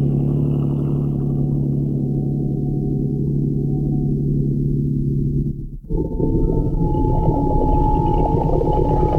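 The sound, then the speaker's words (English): A motorboat engine idles with a steady, low throbbing drone, fairly loud, with just enough throttle to keep the boat headed upstream against the tide near the shore. It briefly dips out near the end, then picks back up with a rougher, slightly higher hum. “Keep her headed upstream. Just enough throttle to hold against the tide.”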